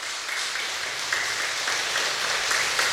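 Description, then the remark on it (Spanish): An audience applauds Jesus present in the Eucharist, a dense wash of many hands clapping at an even, sustained level throughout, with no voices heard. “Fuerte aplauso a Jesús presente en la Eucaristía, vivo y real.”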